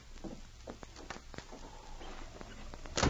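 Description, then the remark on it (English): A few light knocks and scuffs, like footsteps, as a man leaves a cabin, lead up to a single loud, sharp bang at the end as the cabin door slams shut. “It was the slamming of the door that woke little Ann.”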